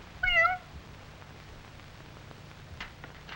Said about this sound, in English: Well, here is Mother Cat at the kitchen door. I suppose that you're still hungry.